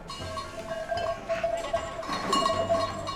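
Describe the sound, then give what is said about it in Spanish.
A flock of black-faced Latxa dairy sheep crowds around as they are being fed, bells clanking and ringing irregularly over a steady shuffle of hooves and rustling, with no one speaking. “te pillo a punto de darle de comer a las ovejas.”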